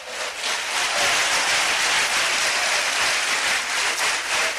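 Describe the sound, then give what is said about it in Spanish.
A large audience at a religious service claps steadily and loudly for Christ for several seconds, a dense, reverberant wash of many hands applauding together, with no one speaking over it. “Indíquelo con un fuerte aplauso a Cristo esta tarde.”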